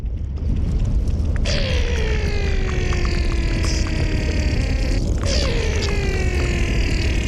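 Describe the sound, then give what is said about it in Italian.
Melting glacier ice recorded underwater with hydrophones by sound artist Ludwig Berger: a dense, steady low rumble with fizzing crackle, broken twice by eerie groaning tones that slowly slide downward in pitch. “Perché ci sono suoni che sono nascosti nel ghiaccio, che si possono ascoltare con idrofoni, che sono microfoni acquatiche.”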